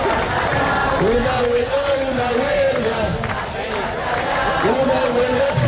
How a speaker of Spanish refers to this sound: Y en las calles españolas, pues el grito sigue siendo unánime.